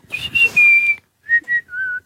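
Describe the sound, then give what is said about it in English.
A person whistles a bird-like call: one long, high, slightly descending note, then after a pause three shorter clear whistled notes, each a little lower than the last. “He was about eight, and I just imitated a bird.”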